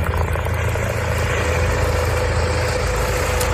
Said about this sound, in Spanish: Este en concreto es el helicóptero de la Guardia Civil por su última intervención. Un susto, afortunadamente, ayer domingo, pero un rescate igualmente comprometido que exigió movilizar al aparato del grupo de rescate en montaña para rescatar a 3